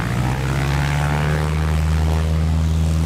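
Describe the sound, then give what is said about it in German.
A motorized propeller tow plane drones steadily just ahead, its engine hum strong and continuous with a low harmonic buzz, heard from the vintage Slingsby glider it is pulling skyward. “Die motorisierte Maschine vor uns zieht die Slingsby Richtung Himmel.”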